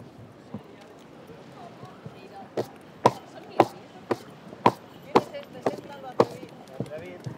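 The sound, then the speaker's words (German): Horses' hooves clop on hard ground in a steady, evenly spaced rhythm of sharp knocks during the horse procession of the Fiesta de San Juan in Fornells. The clopping rises out of a low murmur of voices and crowd noise. “Das große Pferdefest in Fornells.”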